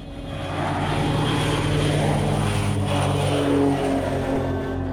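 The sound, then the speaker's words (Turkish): A Beechcraft King Air propeller plane's steady engine drone rises and holds as it arrives carrying a passenger with fabric: a loud, continuous hum with strong low harmonics, with no voices. “Beechcraft King Havayolu'nun uçağı bu gece yerine ulaştırılması gereken kumaşı taşıyan bir yolcuyla beraber geliyor.”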